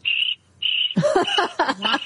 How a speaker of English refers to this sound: Sorry, all I hear are crickets.